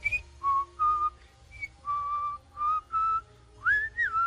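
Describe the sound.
A person whistles a simple melody of clear, sustained notes with short pauses between phrases, ending on a rising slide, fairly loud over a soft low rumble.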